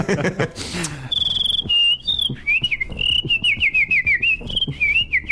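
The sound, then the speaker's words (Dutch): A person whistles a wavering, high-pitched tune in quick trills and slides, fairly loud, with a brief rustle or breath noise at the start. “En daarmee kan ik nu ook dat fluiten, van meer veel mensen geloven dan niet.”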